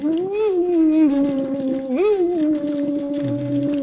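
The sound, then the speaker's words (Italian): A steady hummed voice glides slightly up and down while blowing through a tube held 6-7 centimetres deep in water during a voice exercise, giving a continuous bubbling, gurgling texture. “Deve fare le bolle, se non fa le bolle vuol dire che non sta chiudendo.”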